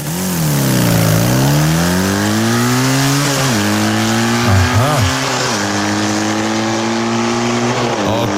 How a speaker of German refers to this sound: die schmeißt sich morgen aufs Motocrossrad